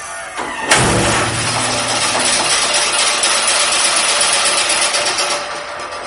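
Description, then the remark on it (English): A NASA test bow, fired by pressing a button, launches a harpoon with one sharp, loud snap, followed by a brief low droning ring that fades within a couple of seconds, all over a steady mechanical roar. “And then he gives me the honor of hitting the button to fire the bow.”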